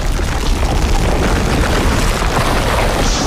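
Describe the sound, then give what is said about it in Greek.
A deep, continuous underground rumble of an earthquake, heard in a museum, loud and steady for the whole stretch, with heavy low-end roar and a gritty, turbulent texture as it rolls through the ground. No voices. “Στην αρχή ακούστηκε ένα βουητό, σαν να ερχόταν βαθιά μέσα από τη γη.”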